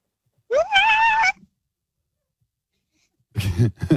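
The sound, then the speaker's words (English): A voice imitates an elephant seal riding a roller coaster: a loud, rising, wobbling wail, then after a pause of silence two harsh, guttural, rasping bursts. “Okay, I would like to hear an elephant seal on a roller coaster, please.”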